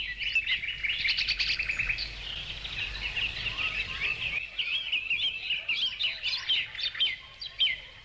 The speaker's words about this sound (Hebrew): אנחנו נשמע כמה שנספיק את הגרסה המוקדמת של השיר שנכללה באלבום שנועד לגייס כספים לקרן העולמית לשימור חיות הבר, והגרסה הזאת נפתחת בציוץ ציפורים.